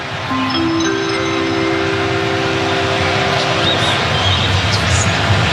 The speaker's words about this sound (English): Because they're showing the video now on the video board. There you go. It feels like being in an airport or something like that when those chimes play.